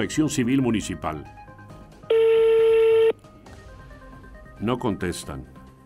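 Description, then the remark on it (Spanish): A single loud, steady telephone ringback tone sounds for about a second, with speech before and after it. It is the tone heard while an outgoing call to the Municipal Civil Protection (Protección Civil Municipal) phone rings unanswered. “Está llamando, pero no me contestan.”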